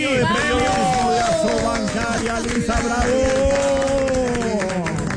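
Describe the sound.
A steady wash of applause from a group, dense clapping lasting the whole stretch, with several voices calling out and talking over it.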